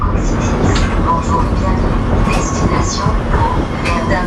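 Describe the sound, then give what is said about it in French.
Riding a free, 100% electric shuttle bus that loops around the town centre of Pau: a loud, steady interior rumble of the moving vehicle, with faint murmuring voices and occasional light rattles in the background. “Aujourd'hui, on part tester la navette Coxitis, vous savez, cette navette 100% électrique mise en place par la ville de Pau.”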